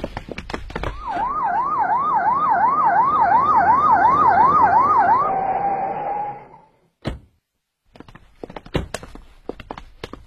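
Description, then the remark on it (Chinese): A loud police car siren warbles rapidly up and down, settles into a steady held tone, then cuts off, followed by a sharp thump and scattered footsteps. “接到你的电话，我可是一路拉着警笛过来的。”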